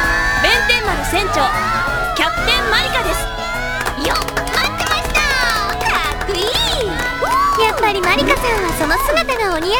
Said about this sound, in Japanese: あの、もう拍手とかいいから。